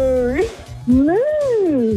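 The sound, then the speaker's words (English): A person imitates a cow's moo on Melbourne radio station KISS 101.1: a short lowing call, then a long, loud moo that swells upward and slides back down, over a soft thumping music bed. “Oh, that was pretty good. That was a good moo.”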